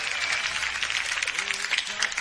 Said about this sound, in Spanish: Muy bien, le vamos a dar un fuerte aplauso.